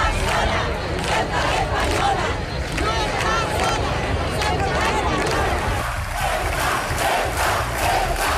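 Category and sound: crowd, crowd shouting protest chants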